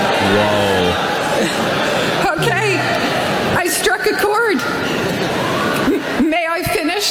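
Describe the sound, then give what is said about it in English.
A single low, drawn-out boo rings out first, then a crowd of thousands roars in with a loud, continuous wall of booing and jeering voices aimed at a woman on stage, which keeps going to the end. “That's an aggressive boo. That just one person took off and then the whole crowd, thousands of boos.”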